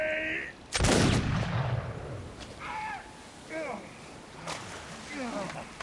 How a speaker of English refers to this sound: Shot, sir. Curse these waves. But you hit your mark, sir. I missed Hands and struck another. Give me another musket. A warning shot like that should keep the heads down long enough.